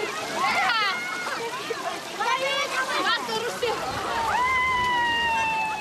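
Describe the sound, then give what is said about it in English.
Water splashes and sloshes steadily as young men and elders wade through the deeper parts of a spring, searching through weeds and mud, on a celebration day, with a busy mix of children's voices, shouts and chatter throughout. “While young men and elders move through the deeper parts of the spring searching through weeds and mud, children gather near the narrow outlets where the water slows down holding small baskets in their hands.”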